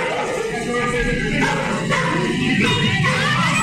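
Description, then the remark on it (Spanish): A dog in a played video barks and yips a few times as it bites a man in a white shirt and dark trousers, with police present, over a dense, noisy background of crowd commotion, the barks moderately loud but partly buried in the din. “Hay una persona de camisa blanca y pantalón oscuro, el perro lo muerde.”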